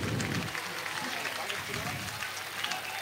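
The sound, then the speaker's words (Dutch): Dense, steady applause from the crowd in the Belfius Hockey Arena as a video review rules out a goal, with crisp crackling clapping holding at an even, fairly loud level throughout and voices faintly mixed into the noise. “En u hoort het aan het applaus.”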